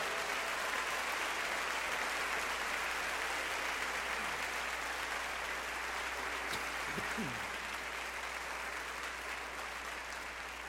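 A large audience claps steadily and loudly for young performers for the whole stretch, a dense wash of applause with a few brief whistles and shouts of cheering rising above it midway.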